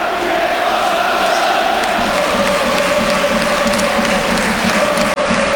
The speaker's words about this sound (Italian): La curva, diciamo che non applaude in maniera così convinta la squadra, anche se adesso parte un coro, ve lo facciamo sentire.